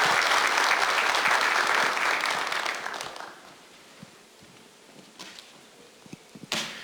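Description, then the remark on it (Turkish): Audience applause as National Security Council Secretary General, Governor Okay Memiş, is invited onto the stage to present commemorative gifts: a dense, loud wash of clapping for about three seconds, then thinning out into a few scattered, isolated claps before it stops. “Efendim şimdi günün anısına hediyelerini takdim etmek üzere Milli Güvenlik Kurulu Genel Sekreteri Vali Sayın Okay Memiş'i bir kez daha alkışlarımızla sahneye davet ediyoruz.”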